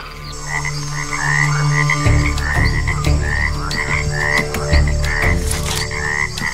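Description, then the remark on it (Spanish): A chorus of cane toads croaking in repeated short, bubbly calls over a steady low drone of night ambience, continuous, with no voices. “Hasta los renacuajos del sapo de caña son altamente tóxicos si son ingeridos.”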